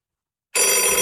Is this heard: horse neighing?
no